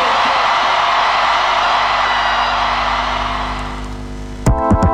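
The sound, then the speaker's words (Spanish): A crowd applauds loudly and steadily with whoops and cheers mixed in. The noise fades slightly toward the end, then a short burst of music cuts in. “fuerte el aplauso.”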